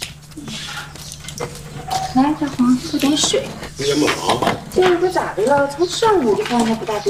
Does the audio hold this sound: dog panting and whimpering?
yes